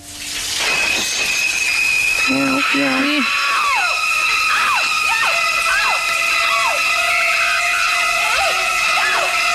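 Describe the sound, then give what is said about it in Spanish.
The famous shower scene from the film Psycho: shrill, stabbing high notes and sliding shrieks repeat loudly over a steady hiss of running water, with a few lower cries near the start. “Lo que decíamos antes, la D de ducha, ¿no? Con la famosa escena de psicosis.”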